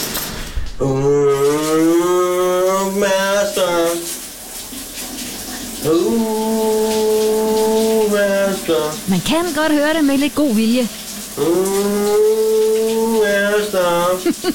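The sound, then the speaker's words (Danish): A man in the shower hums a sustained melody, a popular Danish song from the 1980s, in several long phrases over the steady hiss of running shower water, with a brief spoken remark in between. “Men det er en interessant mønestil. Han har i bruseren i dag, min gode kollega.”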